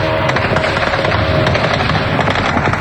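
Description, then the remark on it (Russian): Rapid bursts of anti-aircraft gunfire shooting down drones at night over residential districts of Moscow crackle and pop continuously, dense overlapping reports forming a steady, loud rattle with a booming low-end rumble beneath. “Люди вынуждены просыпаться от грохота зениток и собирать осколки от окон у подъездов.”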